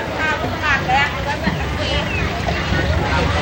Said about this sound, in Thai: นี่คือตลาดน้ำปากคลองโพหักในเขตเชื่อมต่อระหว่างอำเภอดำเนินสะดวกและบ้านโพหักอำเภอบางแพสถานที่ค้าขายผลิตผลต่างๆจากเรือสวนและบริเวณใกล้เคียงเรือต่างๆเหล่านี้จะนำของมาขายเฉพาะในช่วงเวลาเช้าเท่านั้น